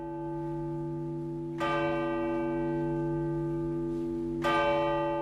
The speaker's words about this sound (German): Anschließend der Trauergottesdienst im Osloer Dom. Er beginnt mit einer landesweiten Schweigeminute mit drei Glockenschlägen.